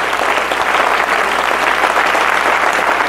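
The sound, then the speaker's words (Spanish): An audience breaks into steady, loud applause for the Lord at night, a dense wash of many hands clapping that holds evenly throughout with no voices rising above it. “Dele palmas al Señor en esta noche.”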